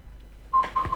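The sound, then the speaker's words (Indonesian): Short electronic telephone tones near one kilohertz start halfway through, a few clipped beeps in quick succession as the next phone call is opened, fairly clear over a quiet background with no talking. “Lain telepon langsung saya buka, Pro 1, selamat malam.”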